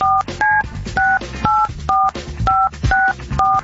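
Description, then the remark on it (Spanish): A phone number is dialed on a keypad: a quick run of about ten short, two-toned beeps, steady and evenly paced, each tone bright and clear with brief gaps between them. “Entonces ahorita, márcale, por favor.”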